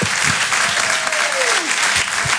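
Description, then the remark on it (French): An audience at the Rire et Chanson Comedy Club applauds loudly and steadily, a dense wash of clapping with some cheering mixed in, and a single whistle-like tone glides downward through the middle. “Faites un maximum de bruit et encouragez s'il vous plaît, PV sur Rire et Chanson.”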